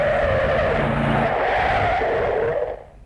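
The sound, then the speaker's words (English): A car's tires screech in a long, loud skid over a rumbling engine, the squeal holding steady for over two seconds before cutting off abruptly as the vehicle stops. “Oh, I've been screaming along like a Grand Prix.”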